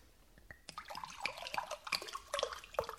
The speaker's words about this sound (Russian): Налейте воду из графина.